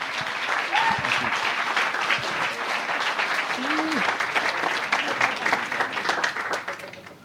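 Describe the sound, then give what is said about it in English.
An audience gives a warm round of applause to a professor handed the microphone to speak: many hands clapping in a dense, steady patter at a constant loud level for several seconds, with faint voices and a brief whoop mixed into the noise. “as I hand him the microphone, what I'd like you to do is give him a very warm round of applause.”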